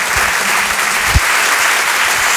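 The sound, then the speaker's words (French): Steady, dense audience applause at the Rire et Chanson Comedy Club as a comedian is introduced, a continuous wash of many hands clapping at an even, loud level with no voices standing out. “Je vous demande de l'applaudir très chaleureusement, elle aussi.”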